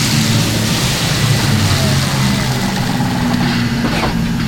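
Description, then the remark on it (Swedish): An electric tractor truck at the haulage company B1B pulls in to charge, with a steady low drone and a faint whine over it, the sound holding constant and fairly loud throughout. “Som dragbilen som här kommer in för laddning går hela den aktiva fordonsflottan nu på el.”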